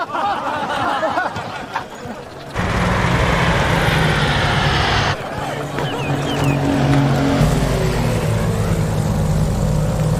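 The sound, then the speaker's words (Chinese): A loud, steady engine drone of approaching aircraft kicks in after a couple of seconds and holds, a deep throbbing roar that stays powerful, with faint voices underneath. “飞机来了，快散开！”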